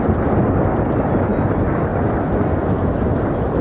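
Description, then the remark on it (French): A heavy, continuous rumble of thunder rolls through a storm, loud and steady for several seconds without breaking into distinct cracks, and no voices are heard. “Les nuages sont tout noirs et on entend le tonnerre, les éclairs.”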